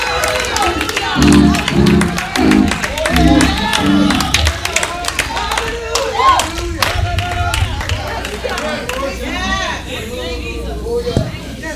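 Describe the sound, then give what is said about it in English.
An audience erupts in loud, overlapping shouts of praise to God, with many voices calling out at once over rhythmic clapping and a low organ-like drone, sustained throughout without a pause. “Somebody give him a shout.”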